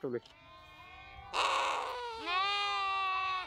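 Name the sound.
lambs bleating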